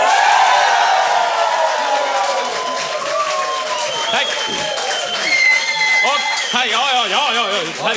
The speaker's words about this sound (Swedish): Som om vi skulle presentera igen, och så får ni jubla allt vad ni orkar istället.